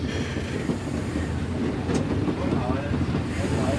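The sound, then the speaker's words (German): A historic 1934 express locomotive, based in the harbor at Frankfurt-Ost, rumbles steadily along the track toward the coal siding, its low, continuous roar broken by faint rhythmic clatter and a brief hiss, with no pauses across the few seconds. “Die Lokomotive gehört der Historischen Eisenbahn in Frankfurt.”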